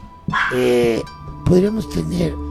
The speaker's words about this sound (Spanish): Chiquis, deja de ladrarle